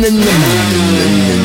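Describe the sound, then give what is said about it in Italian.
A moped engine revs loudly, its pitch dropping from a high whine and then holding steady in a buzzing drone, with no voices. “torniamo col motorino.”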